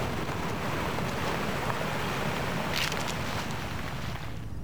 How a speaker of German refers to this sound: Eine plötzliche Böe. Blätter rascheln heftig. Lange Pause. Nur Wind.